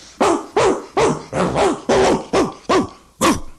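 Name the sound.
dogs barking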